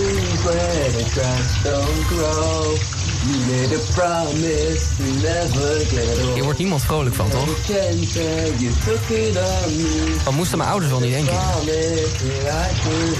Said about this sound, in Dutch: Nou ja, inderdaad, dat ben ik die onder de douche staat mee te zingen op een track. En de vraag is, welke is dat?